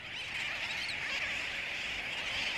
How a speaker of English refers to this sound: During the dry season, over 500,000 terns crowd onto this remote atoll in the Indian Ocean.